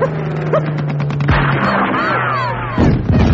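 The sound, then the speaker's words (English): Two sharp rifle shots, fired at an attacking plane, crack out over a steady, low engine drone, followed by a noisy rush and faint whistling tones. “Here, take my rifle. Thanks. Right. Now, it's him or us.”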